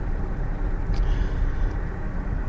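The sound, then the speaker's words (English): A steady, loud low rumble of tyre and wind noise from inside an all-wheel-drive car on big wheels, sunroof closed, cruising at 65 miles an hour on smooth tarmac in Northamptonshire, continuous throughout with no voices. “So again, I'm up at 65 miles an hour on, albeit, one of the better pieces of tarmac in Northamptonshire.”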